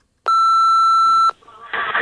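A loud, steady electronic beep from a telephone answering machine, a pure pitched tone, holds for about a second, then cuts off as faint line noise and a hissy, muffled sound follow.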